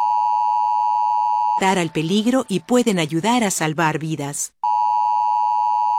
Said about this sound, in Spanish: Las alertas inalámbricas de emergencia, ahora disponibles en muchos dispositivos móviles, con su sonido y vibración particular, te brindan información sobre eventos climáticos severos, alertas Amber u otras emergencias en tu área.